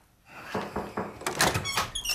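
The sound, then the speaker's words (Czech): A door opens: a few soft knocks and rattles of the latch, then the hinge creaks and squeaks in a series of high, scraping tones as it swings. “Raději mu otevřete, jinak začne škrábat na dveře.”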